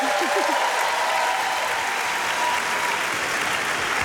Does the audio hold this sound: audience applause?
yes